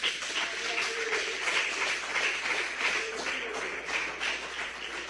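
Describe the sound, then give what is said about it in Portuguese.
A crowd claps for Jesus steadily and enthusiastically, a dense, continuous patter of many hands that holds at a fairly even loudness for several seconds, with faint voices mixed underneath. “e aplaudam a Jesus com muita alegria.”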